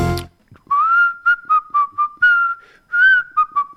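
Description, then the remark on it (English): A man whistles a recognisable tune, clear sustained pitched notes rising and falling in a phrased melody with short gaps between notes, no talking. “But on the other hand, if I did a whistle...”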